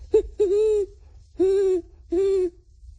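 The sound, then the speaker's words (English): A 12-year-old boy's voice imitates a great horned owl, giving four clear hoots: a quick short one, then three longer, steady notes with brief pauses between them. “Great horned owl.”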